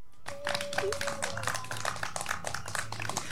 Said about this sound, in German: Voll schön, dass du nach vorne gekommen bist und etwas gesagt hast. Ein kleiner Applaus für dich.